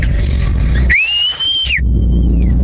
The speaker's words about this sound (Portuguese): O Assobio mais de biquinho.